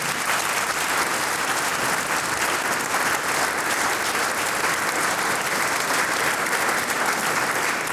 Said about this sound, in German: Du kriegst einmal einen Applaus für 70 Jahre Klarinetten.